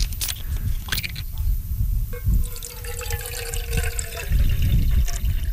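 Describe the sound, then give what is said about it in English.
Water pours steadily into a container to make instant ichiban noodles, a continuous splashing gush whose pitch rises slightly as it fills, lasting several seconds with a few small clatters. “I'm going to put in some water.”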